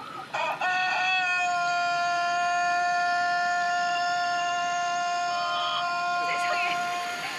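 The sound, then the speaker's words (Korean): A rooster lets out one remarkably long crow, a loud, steady call held for about six seconds before it finally breaks off, heard in a video shown by a reporter. “닭이 울기 시작하더니 끊이질 않네요. 이렇게 길게 우는 닭이 있다니.”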